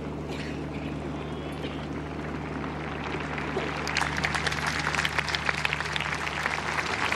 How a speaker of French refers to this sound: Les pèlerins qui applaudissent ce discours du pape Léon XIV, une ode à la Vierge Marie